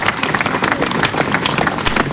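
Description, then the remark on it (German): Long, sustained applause from a large concert audience in a monastery ruin, with dense overlapping clapping filling the space at a steady, fairly loud level without pause. “Sie hören es, der Applaus zielt lange an.”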